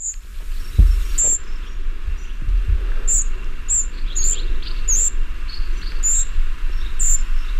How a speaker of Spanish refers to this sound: Este es el papamoscas gris, que hemos escuchado antes al cerrojillo. Este es el gris, que tiene una distribución más meridional, está más presente en nuestra comunidad autónoma.